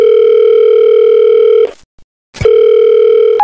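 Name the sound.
telephone dialing tone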